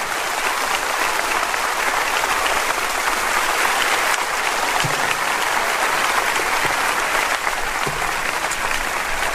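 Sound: audience applauding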